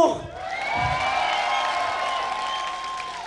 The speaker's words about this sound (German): Okay, ein fetten Applaus für den Burgbesetzer. Okay, dann kriegen wir einen fetten Applaus für Desu.